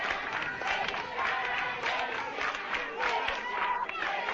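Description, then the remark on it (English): A dense, continuous roar of many voices shouting and calling out together from a street demonstration crowd, steady and fairly loud throughout with occasional swells of cheering. “be that a demonstration has gotten underway.”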